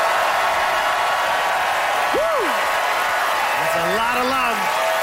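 Loud, sustained audience applause, voting in a debate for the side that dipping sauce is awesome sauce, fills the whole stretch as a dense, steady clatter, with a couple of rising and falling whoops and cheers breaking through partway.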